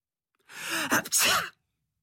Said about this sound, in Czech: Kýchl